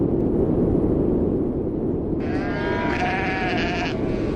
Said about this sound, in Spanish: Pues esto que estás escuchando son los sonidos que vas a encontrar. Viento y ovejas, básicamente. Mira, las Feroe son un puñado de 18 islas volcánicas perdidas en mitad del Atlántico Norte.